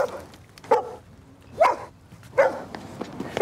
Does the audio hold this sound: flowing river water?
no